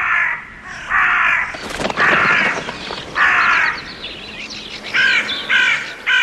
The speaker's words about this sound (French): Et tandis qu'il crie ainsi, des volées de corbeaux sont arrivées des quatre vents du ciel.